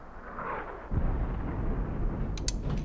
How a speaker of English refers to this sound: They all become alert. Mortar shells. It's not ours. Peacekeepers must be shelling the rebels outside the city. That's not outside the city.